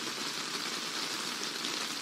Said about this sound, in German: Schon verrückt. Allein schon das Hören hat ein bisschen etwas Erfrischendes. Der Regen.